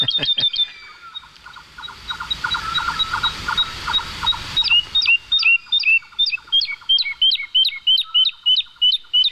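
A woodlark sings in flight over the fields of Daimiel, flapping its wings frantically, pouring out a clear, fluting series of repeated whistled notes that grows into a steady, rhythmic run of bright phrases, loud with no talking.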